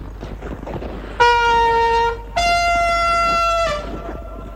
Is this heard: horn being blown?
yes